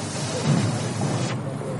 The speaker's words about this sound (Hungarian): Ez az a gázpisztoly, aminek a lángja mellől sűrített levegővel fújják el a vizet. Az oxigén. Ezt találták ki az Erzsébet híd roncsainál. Ez tiszta oxigént használ.